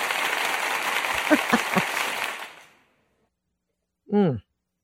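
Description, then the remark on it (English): A burst of loud, dense applause lasting a couple of seconds, with a few sharper claps standing out, as a speaker gives herself intense applause; then it cuts off to silence before a short spoken word. “I think I'm going to give myself some intense applause.”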